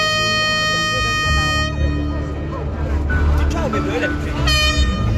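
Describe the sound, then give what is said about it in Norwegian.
A loud, sustained truck air horn blares, cuts out, then sounds again briefly near the end over the murmur of a crowd outdoors, at a protest demanding lower fuel prices at Eidsvolls plass. “I dag hadde en ny gjeng samlet seg på Eidsvolls plass, så kanskje ble det ikke det store brølet denne gangen, men et tut fikk vi.”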